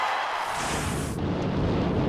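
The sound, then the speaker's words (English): A loud, sustained thunder crash sound effect introducing the Lightning Flashes segment on Nashville radio station Lightning 100: a broad hissing crackle that rolls into a deep, heavy rumble after about a second, with no voices. “And that sound means it's time for your lightning flashes.”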